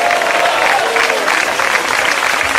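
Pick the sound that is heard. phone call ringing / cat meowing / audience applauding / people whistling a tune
audience applauding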